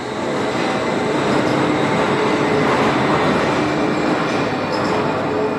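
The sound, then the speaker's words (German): The Wuppertal Schwebebahn suspension railway in Wuppertal, Germany, runs steadily along its 1901 steel frame track above the Wupper river, a continuous loud rumbling roar with faint metallic whine and squeal above it, no voices present. “Und mittendrin schlängelt sich die Schwebebahn über die Wupper. Auf ihrem Stahlgerüst von 1901.”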